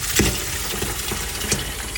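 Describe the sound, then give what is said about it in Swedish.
Water runs steadily from a tap, a continuous rush with a few small splashes and clinks, and no voices. “Ja, vatten ska det handla om nu, för vattenverket Granebo i Tummelilla är gammalt och slitet.”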